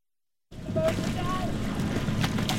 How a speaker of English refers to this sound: Sculling on the Cuyahoga River. Okay, so you want to feel the blade in the water and move your boat past the blade.